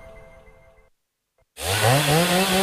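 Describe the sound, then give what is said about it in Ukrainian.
After a low hum and a moment of silence, a power saw roars to life, loud, its motor whining higher as it revs up. “Пилу берем і дриль берем, бо круті знижки в Дніпро-М.”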